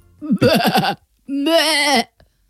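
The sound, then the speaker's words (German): A person imitates a bleating lamb with two loud vocal bleats: a short quavering one, then a longer sustained bleat with a trembling wobble, separated by a brief pause. “Das ist ja ein Blöken.”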